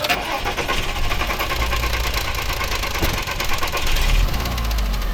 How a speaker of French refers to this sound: Et donc là, j'ai tout de suite coupé le moteur. La voiture faisait ce bruit bizarre. Là, vous entendez?